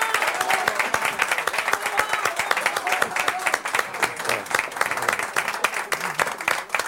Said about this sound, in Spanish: aplauso, se lo merecen.